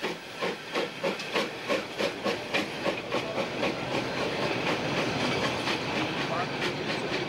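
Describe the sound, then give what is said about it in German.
A steam locomotive hauling special train GE45108 on the Rhaetian Railway pulls away after a train crossing, with loud, rhythmic chuffs that quicken and blur into a continuous roar of hissing steam and rumbling wheels. “Die Strecke ist wieder frei. GE45108 kann sich auf den Weg machen.”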